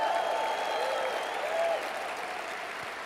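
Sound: audience applauding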